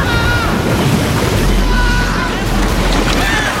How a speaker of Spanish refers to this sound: Las chimeneas próximas a la proa comienzan a hundirse. Dentro el agua inunda la bella escalinata de madera.